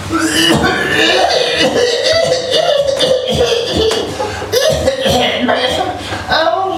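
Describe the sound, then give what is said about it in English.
A person coughs repeatedly from dust in short, harsh bursts, fairly loud, scattered irregularly over a steady tonal background hum. “I cough and my eyes, I have lots of water in my eyes and I don't like the dust, but I cannot say it. Why not? Because the dust doesn't hurt me, but for some reason I always have to cough.”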